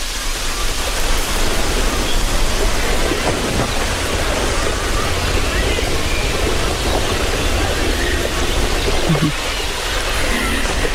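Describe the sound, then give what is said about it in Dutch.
Swimming pool ambience: a steady, dense wash of watery hiss and rushing noise, unchanging in loudness throughout, with no clear voices standing out. “En nu, als je heel goed luistert, het zwembadgeluid.”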